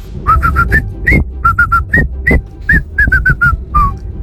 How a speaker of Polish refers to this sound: Słychać, nie? Że to w Meksyku. La Cucaracha! I najbardziej muzykalne gwizdki dzisiaj na Messengerze RMF Max z głosówkami